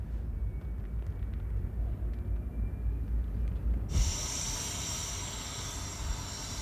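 A diesel locomotive idles during a rest stop at Cook, a railway station in the middle of the desert, with a low, steady rumble, then a loud, bright hiss of air suddenly bursts in about midway and holds to the end. No one speaks.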